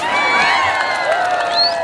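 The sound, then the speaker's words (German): A dense crowd of men in a park in Kabul, Afghanistan, cheers and shouts loudly for the winner of a Pahlavani traditional wrestling match. Overlapping voices rise in excited whoops and calls, continuous for the whole short stretch. “Der Gewinner erhält Applaus und ein paar Afghani.”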